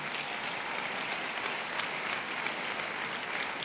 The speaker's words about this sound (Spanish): Dale ese aplauso fuerte al Señor.